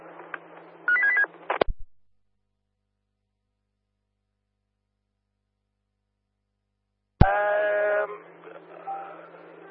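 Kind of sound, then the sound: signal or alarm, telephone dialing and ringing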